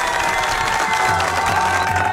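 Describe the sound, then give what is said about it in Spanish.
A crowd applauds and cheers steadily for a boy celebrating his fourth birthday, a dense wash of clapping with shouting voices mixed in, loud and continuous throughout. “Fuerte el aplauso para el cumpleañero el día de hoy, por favor.”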